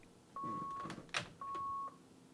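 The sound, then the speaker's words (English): An electronic buzzer beeps twice with a steady high-pitched tone, each beep lasting about half a second, separated by a short gap and some faint rustling and knocking noises. “got a buzzer going off here, so just leave that off the hook for a second.”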